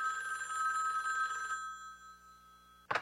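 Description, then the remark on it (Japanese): A telephone bell rings steadily in the middle of the night for about a second and a half, a bright sustained trill, then fades to quiet before a short sharp click or clatter near the end, like a receiver being lifted. “2週間後、真夜中に電話が鳴りました。”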